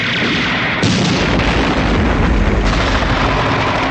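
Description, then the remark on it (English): Loud, sustained gunfire from men in helicopters shooting into a clinic building rattles on without pause, layered with heavy booms and a dense roaring wash for the full length, overwhelming, with no voices. “The helicopter gunfire continues as guards hurry around the perimeter.”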